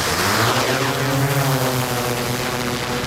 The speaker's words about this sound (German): Ja, da saust die Drohne davon. Die Flughöhe um die 120 Meter.